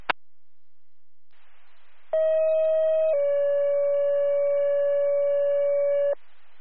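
A two-tone EMS dispatch pager alert, the second tones for Donsville EMS: a short steady tone for about a second, then a longer lower tone holding for three seconds, loud over faint radio hiss after an opening click, paging an ambulance to 960 Chopper Grove for a female with difficulty breathing.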